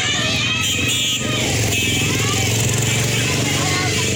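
A stream of people on motorbikes moves inland after a tsunami warning following an earthquake, a steady, loud rumble of buzzing engines overlapping continuously with no break, mixed with general street noise.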